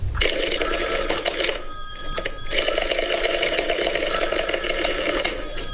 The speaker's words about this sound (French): Ensuite, il va ramasser son dossier et puis il prend le combiné du téléphone.